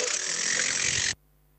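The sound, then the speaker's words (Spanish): A pneumatic hammer breaks concrete in a loud, steady burst of rapid, harsh rattling that runs for about a second before cutting off abruptly into quiet. “El ruido de fondo del canta lindo ese martillo neumático, le están dando duro el hormigón que ayer me decía que los estaba maltratando, que estaba duro.”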